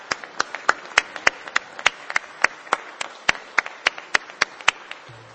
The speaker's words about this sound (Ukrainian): Я прошу уряд, президію, народних депутатів, давайте привітаємо оплесками харків'ян із прийдешнім днем міста. Дякую вам!